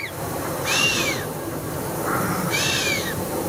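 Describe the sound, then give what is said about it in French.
A chamois in the mountains gives two sharp, hissing whistles through its nose, each a breathy snort with a rising-then-falling whistled tone, separated by a short pause over a steady low background rumble. “C'est le chamois qui souffle comme ça en sifflant.”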